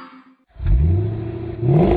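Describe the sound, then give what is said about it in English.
A 1970 Cuda AAR muscle car engine roars to life after a brief quiet moment, its deep, loud rumble rising in pitch as it revs hard, surging again near the end. “Yeah, it's a 1970 Cuda AAR, actually.”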